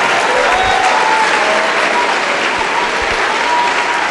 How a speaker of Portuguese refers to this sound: Olha que maravilha. Está chegando mais, vamos aplaudir.